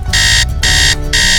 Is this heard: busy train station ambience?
no